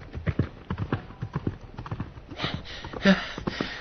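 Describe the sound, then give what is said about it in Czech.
Rapid hoofbeats of a horse galloping off through a gate with its rider, a knight, just mounted, in a steady, driving rhythm, the clattering hooves loud throughout the short stretch with no voices. “Ten ale v rychlosti na koně nasedl a kůň vyrazil branou tak, jak přijel.”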